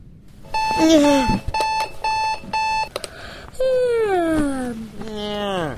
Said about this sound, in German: Eine Katze? Ja. Wie bist du hier reingekommen?